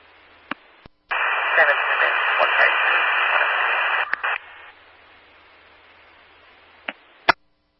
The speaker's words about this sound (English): I can't understand you. It's all static.